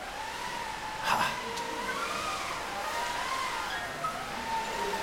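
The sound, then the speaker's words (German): A school class of children make a steady, rising-and-falling whooshing hum, imitating blowing wind with their voices for a pretend sailing trip, fairly loud and continuous with a brief burst near the start. “Und zum Segeln brauchen wir vor allem erstmal Wind. Und den kriegen wir für eine Klasse 3A.”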